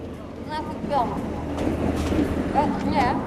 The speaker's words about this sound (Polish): Uwaga! Pociąg przyspieszony do Warszawy odjeżdża